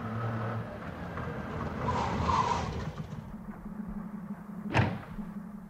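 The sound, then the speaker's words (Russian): A car door creaks open over a steady low rumble, then swings shut with a single solid thud near the end, as people get out of the car after driving back. No voices. “И только когда вышли из машины...”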